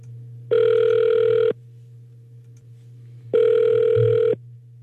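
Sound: telephone call ringing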